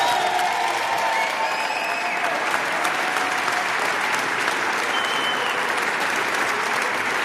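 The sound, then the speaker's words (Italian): Sustained audience applause from the live audience of a Rete 3 broadcast, a dense steady clatter of many hands clapping at an even loudness throughout, with a few faint voices and whistles mixed into the crowd. “Fatevi un applauso!”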